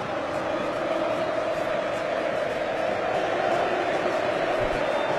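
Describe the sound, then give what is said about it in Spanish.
A large crowd in a stadium shouts and roars in a dense, unbroken wall of noise while Kane is being interviewed, its loudness holding steady throughout with no pauses or standout voices. “¿Vos sabés que le están haciendo una nota a Kane y Kane no escucha de estos gritos?”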